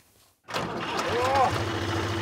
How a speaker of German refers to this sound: Für manche ist das Beste überhaupt. Einmal Trecker fahren.